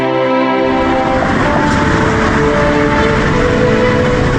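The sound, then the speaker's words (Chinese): A high-speed train on a newly built high-speed railway rushes past, a loud, steady roar with a humming electric whine that holds for the whole few seconds, with no voices. “新建的高速铁路让古城人走出大山与世界接轨，也让这座大山深处的小城逐渐发展成一座现代化的宜居新城。”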